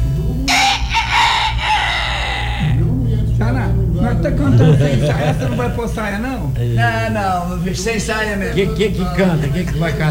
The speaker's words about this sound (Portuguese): O compadre, dá uma olhada, meu galinho não tá aí na rua. Não, ele já voou, será que não? Não, ele já voltou pra lá. Tá cantando sem freio.